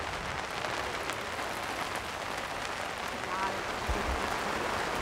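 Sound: rain falling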